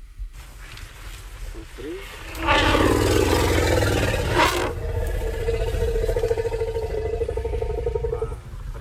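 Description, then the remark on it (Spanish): An elephant arriving where another elephant and some people are growls at the other elephant: after a couple of quiet seconds, a loud, low, rough rumble breaks in and holds for about six seconds with a steady droning tone before fading. “Y de pronto llega otro elefante y a partir de este gruñido le dice,”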